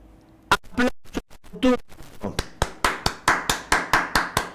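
Hand clapping: after a couple of brief voiced sounds and scattered taps, a steady run of about ten sharp, evenly spaced claps follows, each fairly loud and crisp.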